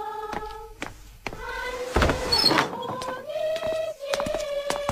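A wooden door is unlatched with a dull clunk and a scraping rattle, then creaks slowly open with drawn-out groaning tones, over a soft steady musical background.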